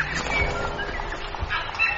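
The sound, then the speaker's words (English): Birds call and chatter outdoors in New Zealand in the late morning in a steady, busy chorus, with bright chirps layered over a low rumble of background ambience and no voices. “They have completely different birds here.”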